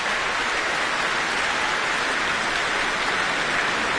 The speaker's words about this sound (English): And listen to that applause and cheers.